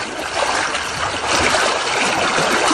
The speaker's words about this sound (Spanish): Vamos a ver por dónde podemos cruzar. Bueno, el río también tiene sus partes hondas, donde este joven que está haciendo el video está buscando la forma de cruzarlo. Puede cruzar uno caminando.